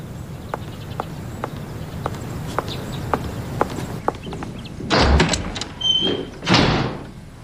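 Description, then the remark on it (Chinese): Steady footsteps approach, followed by a door being pushed open with a few rattling, scraping bursts as someone walks in without knocking, then quiet. Nobody speaks. “敲门了吗？你就往里进。”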